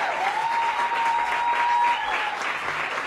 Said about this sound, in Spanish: Pero lo hemos conseguido con creces y eso es lo importante, así que darle un aplauso fuertísimo al sonido